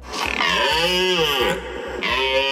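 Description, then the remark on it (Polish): A red deer stag roars during the rut: a loud, deep, drawn-out bellow with a rough pulsing grunt beneath it, rising and falling in pitch, then breaking briefly before a second roar. “Porykiwanie, bo to są przeróżne, bo to jest taki ryk tubalny, młodsze byki zawodzą, takie mają koniec, tak zakończą, tak po prostu z tęsknotą, to widać, że młody byk i nie ma łań, dorosły, potężny, na końcu widać takie czyli ja tutaj rządzę”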